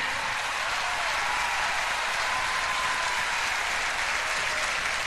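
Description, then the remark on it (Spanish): Steady, sustained applause from a large concert audience in Madrid for the maestro, a dense crackle of many hands clapping at once that holds at an even, fairly loud level throughout without speech. “Un aplauso, maestro.”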